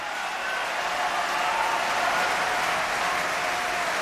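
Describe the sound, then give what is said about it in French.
Dense, steady applause from a large opera audience after a performance of Ariadne auf Naxos, swelling for the character Zerbinetta, a broad wash of clapping hands that holds strong and full throughout, with no voices standing out. “Puis les applaudissements s'étoffent pour Zerbinetta alias Zidai.”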